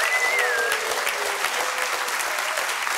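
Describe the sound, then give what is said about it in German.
Steady, dense applause from an audience for all the firefighters in the country fills the whole stretch, many hands clapping at once in a continuous wash, with a faint whistle rising briefly near the start. “Macht mal einen Applaus für alle Feuerwehrleute in diesem Land.”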